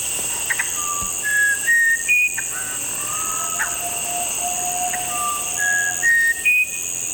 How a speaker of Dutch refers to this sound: En deze soort heet de Musicanto Bren. Oké. Okay. Of Musicanto Winterkoning. Ja. En dat gaat zo.